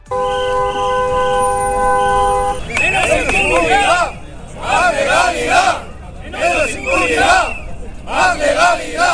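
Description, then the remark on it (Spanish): Car horns blare in a steady, layered chorus for a few seconds, then a loud crowd of Basque taxi drivers takes over, chanting slogans in rhythmic bursts in the street. They are protesting unfair competition from Uber and VTC platforms, marching in two columns on foot and by car that slow traffic across the city. “Una protesta que ha enlentecido el tráfico a lo largo y ancho de la ciudad, con dos columnas a pie y en coche, en las que los taxistas reclaman que se cumpla la ley.”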